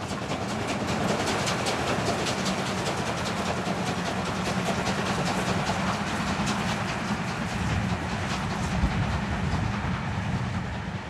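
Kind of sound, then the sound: vehicle, train running on rails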